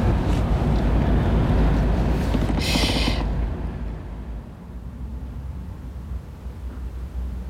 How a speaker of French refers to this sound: Il y a des gros bateaux de transport à passagers en face, des gros machins. Gros truc à 4 étages.